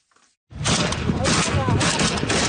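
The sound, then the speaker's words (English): After a brief hush, heavy gunfire and explosions from Yemen's civil war erupt all at once: a loud, dense barrage of overlapping shots and blasts that continues without a break to the end. “The sound of Yemen's long, simmering civil war unleashed anew in recent weeks.”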